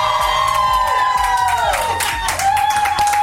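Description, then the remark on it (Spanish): A loud crowd of Exalovers shouts and cheers continuously, with high screams and whoops swelling and dipping over a dense roar, no single voice standing out. “Para que te vuelvas a emocionar, otro grito, Exalovers, ¡que se sienta!”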